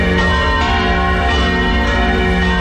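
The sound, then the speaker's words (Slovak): A large church bell rings loudly and steadily in the neo-Gothic tower of the cathedral (Dóm) in Bratislava, struck about every half second, its deep overlapping tones humming and sustaining between strikes, with no voices. “Presuňme sa do novogotickej veže dómu. Nachádza sa v nej najstarší zvon Bratislavy.”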